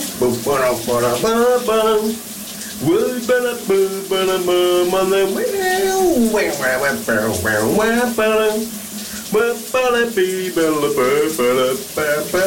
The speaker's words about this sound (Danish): Vi skal under bruseren. Hvad synger han her?